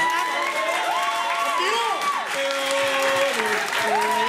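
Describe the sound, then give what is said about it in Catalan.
A crowd applauds steadily for several seconds for a four-time world champion, a dense wash of clapping with voices cheering and calling out over it in rising and falling tones. “Feu un aplaudiment. Tornem-hi.”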